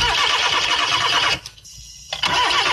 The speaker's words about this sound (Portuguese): Quando um motor trava, você procura o problema.